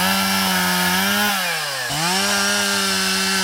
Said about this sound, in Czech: Nejprve si tady dobrovolníci nařezají kusy dřeva, pak se chopí lopat a krumpáčů a v jedné z prohlubní v lese začínají vykopávat strouhu.